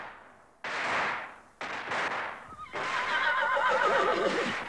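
A horse neighs loudly several times in quick succession, the last whinny long and quavering with a wavering pitch, with no one talking.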